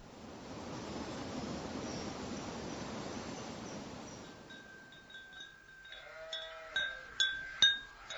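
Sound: sheep bleating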